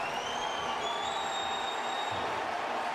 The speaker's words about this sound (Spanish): Viene el cambio de Portland y es Valeri el que va a entrar. Por Van Ronking. Y escuchen este aplauso para Diego Valeri.